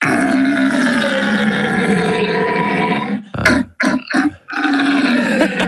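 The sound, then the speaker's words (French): A human voice imitates a red deer's rutting bellow: a loud, deep, rasping roar held for several seconds, broken by a few short grunting bursts, then another long throaty bellow. “Ça doit vouloir dire au revoir en cerf.”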